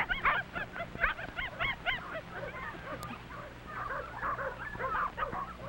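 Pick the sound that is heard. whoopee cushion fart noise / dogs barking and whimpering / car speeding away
dogs barking and whimpering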